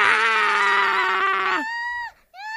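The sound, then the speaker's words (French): A cat yowls loudly: a long, harsh, strained wail that slides downward, breaks off briefly, then returns as a shorter, higher cry. “quand même il arrive comme un tourbillon couvert de crabes accroché à ses oreilles, à sa queue partout en hurlant.”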